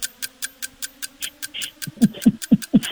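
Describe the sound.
In a timed wordless sound-imitation challenge, a voice imitates a broken pump: a steady run of sharp mouth clicks, then rhythmic low grunting pulses join in, chugging about four times a second, with no words spoken.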